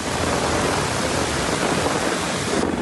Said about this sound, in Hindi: एक दिन पहले अमरावती जिले में मानसून के बादल इस कदर बरसे कि पूरा शहर ही कुछ देर में पानी पानी हो गया। ये बारिश गर्मी से बेहाल लोगों और किसानों के लिए खासकर राहत बनकर आई।